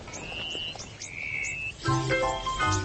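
A flock of female Jackson's widowbirds flies in and arrives at a male's display site, calling with bright chirps and whistled notes, growing busier and more layered toward the end, over a steady background hum of insects. No one speaks.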